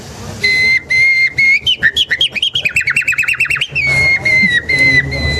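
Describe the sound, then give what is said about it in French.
A person whistles an imitation of a nightingale's song, clear: long sustained piping notes, then a rapid run of pulsing trills, ending in a held, warbling tone. “Ce que Darwin aussi va découvrir, en fait, c'est que avec les temps longs, les organes vocaux des oiseaux vont évoluer jusqu'à l'oiseau le plus évolué, le rossignol.”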